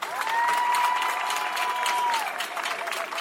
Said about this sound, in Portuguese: Todos que aqui vieram a Quelimane, vindo dos distritos, e mesmo os de Quelimane, que vão disputar este festival, são os melhores atletas que a província da Zambésia tem. Palmas para vocês.